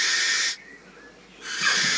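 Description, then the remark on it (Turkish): Two harsh, hissing barn owl screeches, loud, each lasting about half a second, separated by a short quiet pause. No voices. Recorded in England by Dominic Garcia Hall. “Peçeli baykuşu Dominic Garcia Hall İngiltere'de.”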